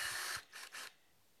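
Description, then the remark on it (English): A power drill bores holes into clamped wooden side pieces in short bursts: one longer grinding stretch, then two quick scratchy pulses, fairly quiet, with no voices. “So I'll line them up, clamp everything down, and drill.”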